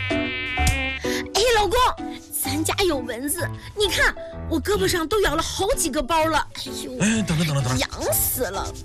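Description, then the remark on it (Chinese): A loud mosquito whine buzzes on and off for several seconds inside a home, its pitch swooping up and down as if the insect circles. “哎，老公，咱家有蚊子，你看我胳膊上都咬了好几个包了。”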